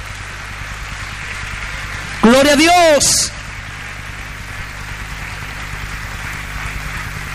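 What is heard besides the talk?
audience applause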